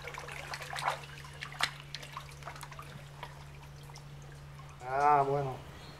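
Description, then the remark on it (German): Water splashing and dripping as live fish are tipped as feed into the stream of a lush jaguar enclosure: a few soft splashes early on, then scattered drips, with a brief voiced call near the end over a steady low hum. “Und den kippen …, … und … nun in den Wasserlauf der üppigen Jaguaranlage.”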